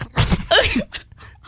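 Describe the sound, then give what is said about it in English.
Boots crunch through autumn leaves, damp from a nor'easter, in a few loud, rustling steps, followed by a brief squeaky, whining sound and fainter scattered crackles. “It's the boots hitting the crunching leaves.”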